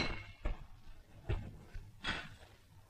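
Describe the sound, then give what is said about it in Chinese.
Three bright, sharp glass clinks ring out, spaced about a second apart, over a soft murmur of background room noise, as glasses touch in a toast to friendship at an evening banquet. “为了友谊， 为了友谊， 干杯！”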